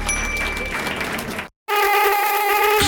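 After a burst of noisy, applause-like clatter and a short silence, a loud mosquito whine drones steadily, high and nasal, with no one speaking; mosquitoes inside a house.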